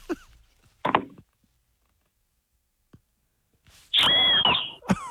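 A gum leaf is blown into a loud, piercing shriek that holds a steady, high pitch for under a second, after a couple of short raspy sputters and a pause of silence.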